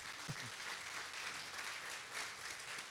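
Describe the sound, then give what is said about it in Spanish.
Sustained audience applause given for God, a dense steady wash of many hands clapping at even loudness for a few seconds, with a faint voice briefly surfacing near the start. “Yo creo que eso merece un aplauso para Dios.”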